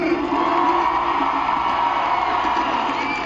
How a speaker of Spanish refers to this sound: Él viene directamente desde Reynosa, Tamaulipas, Paz, México. ¡Fuerte el aplauso para Alejandro Bulmar!